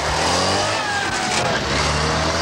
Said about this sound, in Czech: Které auto kolem mě a Klárinky před malou chvílí projelo?